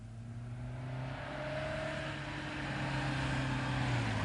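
A car engine hums steadily with a low droning tone, growing slightly louder as the vehicle draws near and pulls up. No one speaks.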